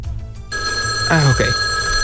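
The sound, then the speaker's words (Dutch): A telephone starts ringing abruptly with a steady, high electronic tone that carries on to the end, while a man's voice briefly speaks over it. “Ik schrik even, de telefoon raadt.”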